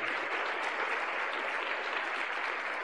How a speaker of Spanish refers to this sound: Aplauso para el Señor Jesús. Gloria a Dios. Aleluya.